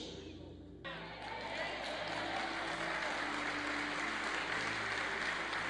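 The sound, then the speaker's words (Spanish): An audience breaks into sustained, dense applause for the Lord after a brief moment, the clapping loud and steady until the end, with a low musical hum underneath. “Dele mejor aplauso al Señor.”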